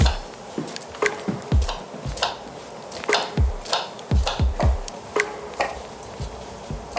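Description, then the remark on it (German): A knife chops repeatedly on a wooden cutting board, sharp knocks in uneven bursts with a few quick runs, fairly loud, with no one speaking. “wenn zwei kochen, sollte auch ein zweites Schneidebrett da sein.”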